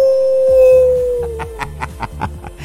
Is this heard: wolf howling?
yes